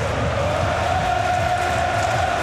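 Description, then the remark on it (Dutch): A large crowd of football fans in Leipzig sings together loudly, a dense, steady wall of voices holding a sustained chant without a break. “Ook daar zingen ze de stress van zich af. Redelijk luid allemaal.”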